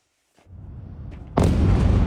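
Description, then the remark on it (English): A low, rumbling boom builds from near silence, then a much louder explosion erupts and its roar carries on heavily to the end, with no voices; explosions at night in Kyiv, Ukraine, during a Russian attack with drones and ballistic and cruise missiles. “There were loud explosions all through the night here in Kyiv as the centre of the city and other sites came under Russian attack.”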